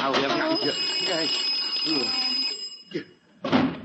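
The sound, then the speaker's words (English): An alarm clock, set off at night by an accidental press of its alarm button, rings steadily with a shrill, continuous buzz for a few seconds while people talk over it, then is shut off, leaving a couple of brief voices. “that was just the alarm on your clock.”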